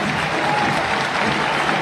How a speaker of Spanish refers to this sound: Escuchen la ovación para el colombiano. Se va de la cancha Baloy abrazado por los dos médicos, era lo que yo les marcaba.